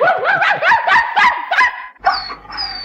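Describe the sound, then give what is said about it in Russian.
A small dog, a typical Central Russian mongrel, barks in a quick, excited run of about seven loud yaps, then breaks into a higher, drawn-out whine. No one speaks. “Славный пес, честное слово. Главное, порода хорошая. Типичная среднерусская дворняжка.”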